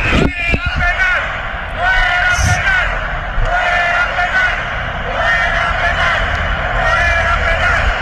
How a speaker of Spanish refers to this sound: Y la gente en el estadio, mira lo que gritaba.